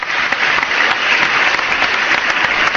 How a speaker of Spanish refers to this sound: ¿dónde está el aplauso?